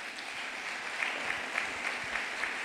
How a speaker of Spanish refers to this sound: Dele ese aplauso a Cristo Jesús de Nazaret.